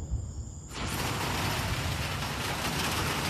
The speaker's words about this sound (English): All right. Here's the rain. Ooh. It is coming down like crazy. Holy moly. Wow.